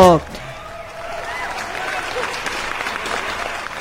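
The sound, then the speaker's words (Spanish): Loud, sustained applause on a morning radio show for listeners who get up early for work, a dense rush of clapping that follows a brief voice at the start and continues steadily to the end. “Para los que trabajamos de lunes a viernes, para los que descansan entre semana, ese aplausote también bien fuerte.”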